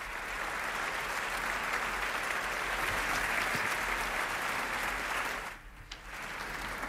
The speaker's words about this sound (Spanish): Y ya estos aplausos nos indican la entrada en la sala de Lina González Granados, la directora